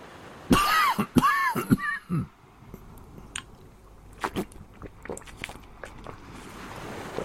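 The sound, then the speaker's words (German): A person coughs in a rough cluster of four or five loud hacking bursts, followed by quieter small clicks and shuffling sounds. “Ich hustete und trank die Flasche leer.”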